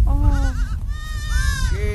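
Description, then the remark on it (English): A newborn auburn goat kid bleats in quavering, wavering cries, two or three calls in quick succession over a low rumble of background noise, while a man holds it to his chest. “He presses the goat's face to his own, giving its ears sweet kisses.”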